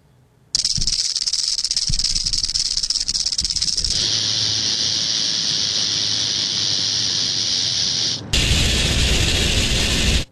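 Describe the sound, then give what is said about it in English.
A venomous snake rattles and hisses in a loud, continuous dry buzz that runs unbroken for about ten seconds, shifting intensity twice, with no voices. “Americans get bit by venomous snakes every year.”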